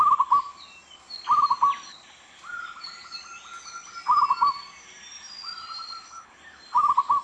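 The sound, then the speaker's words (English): A zebra dove repeats short, staccato trilled cooing phrases, separated by softer, drawn-out coos, while faint chirps from other birds continue in the background. “Their soft, pleasant cooing calls are a very common part of our soundscape.”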